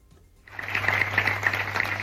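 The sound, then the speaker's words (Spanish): After a brief hush, citizens of San Vicente break into steady applause following minutes of silence for a double gender-violence murder, a dense, sustained patter of many hands clapping at once, with a low hum underneath. “Son los aplausos de la ciudadanía de San Vicente.”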